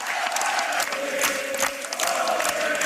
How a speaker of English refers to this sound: And at this, the crowd breaks into a different song.